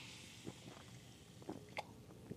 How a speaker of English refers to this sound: But today I'm doing the Diet Coke, and I haven't even had a chance to take a sip yet of this stuff. So hold on, do you hear the fizz? You hear that? Yeah. So bear with me here. I've got a very dry throat.